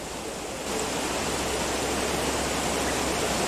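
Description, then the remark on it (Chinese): A river, swollen within just a few hours from a former trickle, rushes in a steady, dense roar, a broad hiss that swells slightly louder after the first moment and then holds constant, with no voices. “短短数小时，大鱼市河水暴涨起来。”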